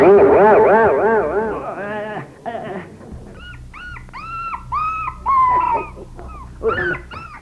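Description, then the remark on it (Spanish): Two dogs yelp and whimper, starting with a loud, wavering whine, then a run of short, high-pitched yips and cries in quick, uneven bursts. “Hombre, ¿y este par de perros que hacen aquí de metiches? ¡Saque animales!”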